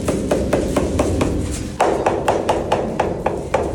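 Quick, steady taps of an inspector's special small hammer on a Parmigiano Reggiano parmesan cheese wheel, first a second-quality-class cheese with a duller tone, then a first-class one with a brighter, more resonant series after a short change, over a low background rumble.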